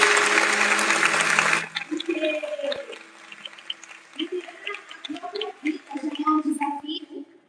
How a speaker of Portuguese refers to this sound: Mas antes eu quero pedir uma salva de palmas